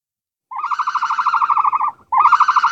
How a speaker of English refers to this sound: I'll tell you what, let me turn the music down so I can hear the phone properly. I don't want to miss it. That'd be bad. Oh, there's the phone now.